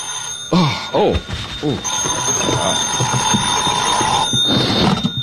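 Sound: telephone ringing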